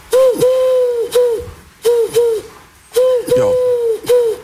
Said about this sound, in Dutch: Dat is toch een duif, hè, of niet? Ja. Een duif, ah ja, ja.